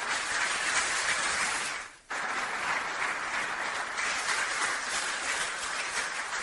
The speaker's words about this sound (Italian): e anche a lei voglio fare un sentito applauso.